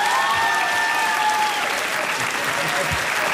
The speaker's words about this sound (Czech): Jo, ale co je mu to platný, takovejhle potlesk neměl, víš?